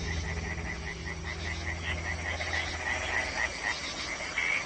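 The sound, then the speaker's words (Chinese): A dense chorus of frogs in the spring mating season croaks steadily at night, many overlapping calls forming a continuous rhythmic pulsing over a low background hum, with no voices present. “他们先是组建了一支小夜曲合唱队，寻找美味。”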